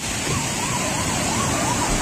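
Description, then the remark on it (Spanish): The Alberche River, swollen by heavy rains, rushes past the Romanesque bridge at Navaluenga in a loud, steady roar of turbulent water, unbroken throughout, with a faint wavering siren-like tone. “Escuchamos el sonido del río Alberche a su paso por el puente románico de Navaluenga.”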